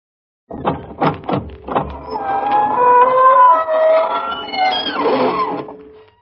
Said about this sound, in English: Good evening, friends of the Inner Sanctum. This is your host bidding you welcome through the squeaking door.